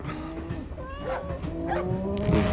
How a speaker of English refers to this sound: Cow. I'm sorry, sir. We don't allow cows in Changhua Town.